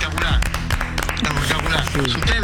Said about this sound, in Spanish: Chicos, aplaudan lo que le pusieron el tubo. ¡Va! Es para vos esto. Este aplauso es para vos.